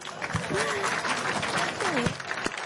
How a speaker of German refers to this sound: Ein Applaus